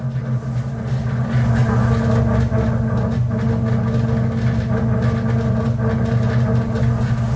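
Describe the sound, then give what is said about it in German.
A train leaving Warsaw Stadion station drones steadily at a constant, fairly loud level, its heavy engine giving a deep low rumble with a faint mechanical whine layered on top, as if heard from inside the carriage. “So, wir verlassen jetzt die Station Warschau Stadion.”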